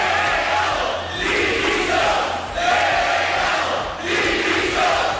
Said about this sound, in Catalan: Tot això és el que ha passat durant el dia d'avui, molt intens políticament, i que ja ha començat a primera hora del matí amb una escridassada al delegat del govern espanyol a Ceuta en l'acte institucional.